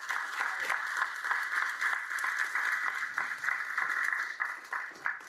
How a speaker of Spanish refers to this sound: Saludo y felicito al ministro Vinelli, porque él, un aplauso para él.